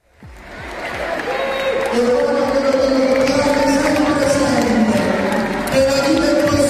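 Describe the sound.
Students of the Istituto Comprensivo Sandro Penna in Battipaglia applaud Don Maurizio Patriciello, parish priest of Caivano: steady dense clapping that swells in within the first second and holds loud and continuous, with crowd voices and cheering mixed underneath.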